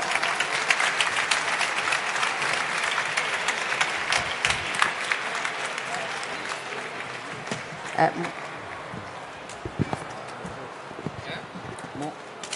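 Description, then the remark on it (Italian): An audience at a Movimento 5 Stelle event in Milan applauds as a musical duo is called on stage to celebrate peace, a dense, steady patter of many hands clapping that starts strong, then gradually thins out and softens, leaving a few scattered claps near the end. “Prego, un bel applauso.”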